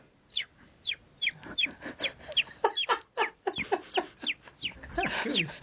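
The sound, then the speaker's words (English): A person imitates a baby chick with a rapid series of high, thin cheeps, a dozen or more short peeps in a quick irregular rhythm, fairly loud, growing denser toward the end. “If you have a farmyard scene, I can do baby chicken.”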